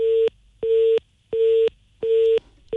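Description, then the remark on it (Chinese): A phone busy tone after a 4S car dealership hung up the call: a steady mid-pitched beep repeating about four times in an even on-off rhythm, each beep roughly a third of a second, with no voices. “应该是4S店这边把电话挂了。”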